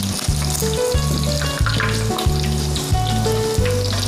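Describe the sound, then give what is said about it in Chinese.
Food crackles and sizzles steadily in hot deep-frying oil as it is fried to set its shape and firm its skin, a dense continuous hiss with a low rhythmic thrum pulsing underneath roughly every half second. No one speaks. “把它炸定型，把表皮啊给它收一下就可以了。”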